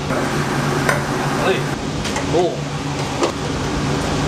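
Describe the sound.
A large pot of Henan-style big-pot braised noodles (huimian) being stirred, with a few sharp scraping clicks of a utensil over a steady hiss of background noise, and a faint murmur of voices.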